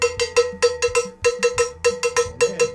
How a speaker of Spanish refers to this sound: Pégale como carro de basura del año 33. Empecemos que el cencerro no se cogía así.